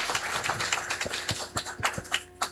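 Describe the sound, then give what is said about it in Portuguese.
A crowd applauds steadily for a couple of seconds in gratitude to Padre Éder, many hands clapping in a dense, crackling patter with a few sharper, louder claps standing out. No one speaks. “Ao Padre Éder, nossa gratidão com uma salva de palmas.”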